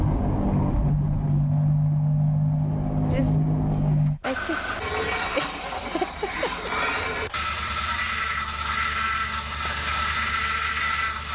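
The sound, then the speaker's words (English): A montage of three cheap, rubbish old car engines from regional Western Australia, cut together abruptly: a steady, droning idle, then a rattly, clattering motor, then a rough, rumbling engine, each loud. “There's a bit of montage of all these rubbish cars that we've ever owned, probably one of our very first cars that we've ever owned, a cheap car, problem car.”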